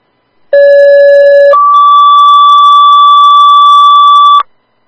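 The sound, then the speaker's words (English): A two-tone dispatch alert for units 3 and 5 East Savo: a steady lower-pitched tone holds for about a second, then jumps to a higher sustained tone lasting roughly three seconds, loud and uninterrupted, with no voices. “Three and five East Savo, you can disregard your tones.”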